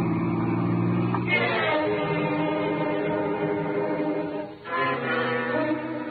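A car engine drones steadily on a highway, its pitch climbing as it accelerates, briefly dipping as if shifting gear, then rising again; no voices.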